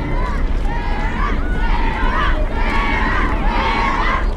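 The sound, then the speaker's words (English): A crowd of friends, acquaintances and strangers cheers and shouts steadily and loudly outdoors at a dock in calm weather on flat water, many voices overlapping in a continuous roar with rising calls, seeing off a rower pushing off in a boat. “Until the cheering fades away.”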